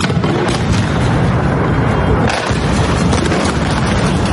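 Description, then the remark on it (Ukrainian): Explosions rumble and boom through a dense, continuous roar during a massive Russian missile and drone attack on Kyiv, Ukraine, with a heavy blast around the middle standing out against the steady low rumble. It's loud throughout. “Минуло трохи більше тижня після попередньої масованої атаки росіян по Києву, як у столиці знову лунають вибухи.”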